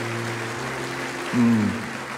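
An audience applauds for the Lord during a church sermon, a steady wash of many hands clapping that runs the whole time, with sustained low tones underneath and a brief louder swell partway through.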